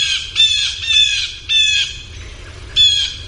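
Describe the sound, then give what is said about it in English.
A blue jay gives agitated alarm calls: four loud, harsh, raspy squawks in quick succession, unaccompanied by any voices. “But blue jays also, as you well know, your cat walks out in the yard, and they're very upset.”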